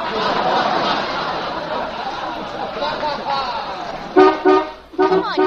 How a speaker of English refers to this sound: Here's the bus.